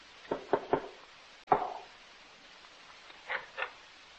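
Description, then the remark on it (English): Knocking on the wooden door of a stone house at night: three quick raps, a single sharper knock after a brief pause, then two softer knocks a couple of seconds later, with no voices. “I'll knock.”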